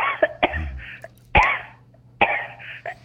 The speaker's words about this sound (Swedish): Oj då. Det var en helt hemsk hosta du har